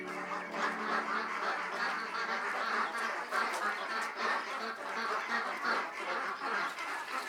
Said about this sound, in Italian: Le anatre chiamano impazienti e affamate.